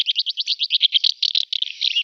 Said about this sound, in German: Sie hörten die Mehlschwalbe, was den Vogel des Jahres ausmacht und warum er gefährdet ist.